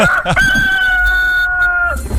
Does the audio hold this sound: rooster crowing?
yes